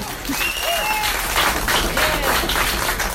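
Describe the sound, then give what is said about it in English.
Sustained applause from an audience at a public meeting, many hands clapping steadily at moderate loudness, with a few scattered whistles and murmurs rising above the dense clatter throughout. Attendees applaud a critic of a proposed data center plan next to Sunland Park in Santa Teresa. “Attendees applaud a critic of the proposed data center plan for next door to Sunland Park in Santa Teresa, site of a major U.S.-Mexico port of entry, and the mammoth Foxconn computer factory on the Mexican side.”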